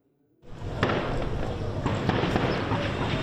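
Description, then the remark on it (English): A volley of gunfire in Port-au-Prince, Haiti, during fighting between rival gangs: several sharp cracks scattered irregularly over a steady, noisy outdoor rumble, fairly loud, with no one speaking. “A volley of gunfire rings out in Port-au-Prince.”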